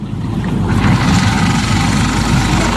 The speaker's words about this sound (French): Ça tourne, le moteur. T'entends pas le bruit? Ça tourne, oui.